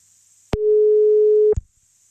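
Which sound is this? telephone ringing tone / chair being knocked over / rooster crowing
telephone ringing tone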